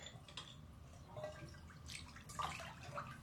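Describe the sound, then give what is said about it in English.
Warm water trickles and drips in a tiled bathtub, echoing off the resonant tiles, with scattered bright plinks over a soft continuous splash, fairly quiet, no voices. “The water is warm.”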